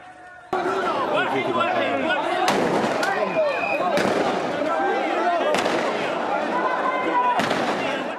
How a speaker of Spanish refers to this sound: La policía disparó municiones, antidisturbios al aire y al suelo para intentar controlar la situación.